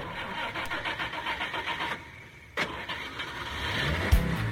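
A car engine cranks with a rapid rhythmic chugging, pauses briefly, then catches with a sharp burst and settles into a steady, slightly rising idle. No one speaks.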